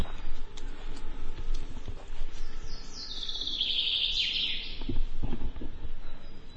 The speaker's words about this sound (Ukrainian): Мы зараз почули звук дрона, він тут десь над нами. Наче полетів.